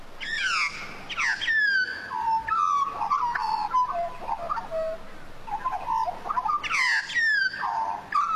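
Australian magpie calling in a rich, fluting warble, with bright descending notes and gurgling phrases that rise and fall over several seconds, clear with no voices.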